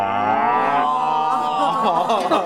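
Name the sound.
cow mooing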